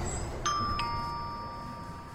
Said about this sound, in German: Ach, eine Klingel. Vielleicht mit der Nase.